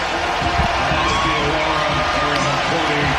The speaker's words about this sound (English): Mitchell Robinson coming out. He'll get a round of applause. So will Deuce McBride and Landry Shamet.